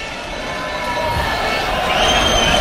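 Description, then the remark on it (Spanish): A dense crowd of football fans at the Camp Nou chanting and cheering as a Barça bus arrives before the clásico against Real Madrid, a steady, loud roar with overlapping voices and sustained tonal singing lines rising slightly toward the end. “Parecía el del Real Madrid por los cánticos de los aficionados, pero está llegando otro autobús del Barça.”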